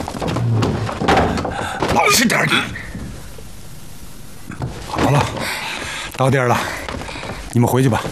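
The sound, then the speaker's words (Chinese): A door is pushed shut with a few solid thumps and knocks while people talk and move around it, then voices carry on after the closing. “来，关门。”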